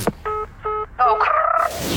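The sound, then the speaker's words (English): Electronic phone-line tones as a phone call breaks up and disconnects: two short, evenly spaced beeps, then a longer warbling, garbled tone, all loud with no talking over them. “Oh, no, my phone's breaking up. Oh, I've got to go, it's also being disconnected.”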